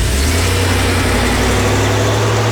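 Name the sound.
car engine running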